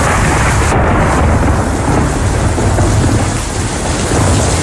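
Heavy rain pours down in a loud, steady roar during a storm on Rhodes, Greece, with a deep rolling rumble of thunder running underneath throughout. No voices are heard.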